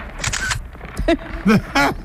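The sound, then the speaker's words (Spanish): A quick burst of crisp camera shutter clicks near the start as someone takes a selfie, followed by a few short vocal sounds from a voice. “¡Hazte un selfie conmigo!”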